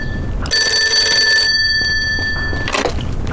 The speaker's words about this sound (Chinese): 哎，电话。